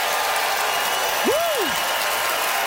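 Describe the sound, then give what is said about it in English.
The audience at the McPherson Playhouse votes by applause for comedian Katie Ellen Humphreys, a dense, even wash of clapping for the whole stretch, with one short whistle swooping up and back down partway through. “It is up to you, beautiful McPherson Playhouse, by applause, who thought Katie Ellen's Victoria is lame claim was fair game, Katie Ellen Humphreys.”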